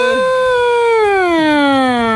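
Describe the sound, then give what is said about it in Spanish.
A voice imitates a siren with one long, loud wail that holds steady and then slides slowly downward in pitch, with no other sounds. “¿Por qué quiere quedar así? La sirena.”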